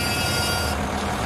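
The horn of a 13.5-tonne excavator, sounded by its operator Master Zhang as it lands on the second step of a staircase, gives one steady, sustained blast that cuts off after less than a second, leaving a continuous low engine rumble underneath. No one speaks.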